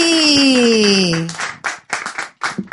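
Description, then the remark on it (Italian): A loud, falling cheer or whoop opens the moment, then an audience breaks into dense, choppy applause that swells and dips in bursts. “Un applauso”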